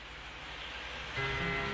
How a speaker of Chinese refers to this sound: 听到少少嘅雨声喺度啊，呢一首歌。